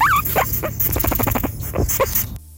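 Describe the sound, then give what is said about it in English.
A guinea pig, addressed as the Guinea Pig Oracle and asked what the best food to eat is, squeaks in a quick run of shrill, high-pitched chirps and wheeks, opening with a rising and falling squeal and then a rapid pulsing series, with no one talking. “Guinea Pig Oracle, what is the best food to eat?”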